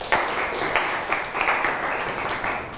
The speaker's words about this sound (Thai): ครับปรบมือเพื่อนหน่อยครับ